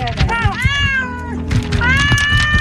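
Several cats meow loudly and insistently, their drawn-out cries overlapping one after another without a break, over a low background rumble.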